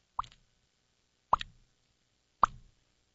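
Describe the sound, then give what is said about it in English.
A voice imitates water dripping from a leaky sink: three separate wet plops, evenly spaced about a second apart, each a quick bright pop with a short tail, alone with no talking. “I used to do a sound effect of a water dropping from a leaky sink.”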